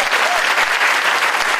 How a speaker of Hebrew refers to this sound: אתם עדיין מדימונה? ובאתם מדימונה לראות אותי? זה שווה מחיאות כפיים, גבירותיי ורבותיי!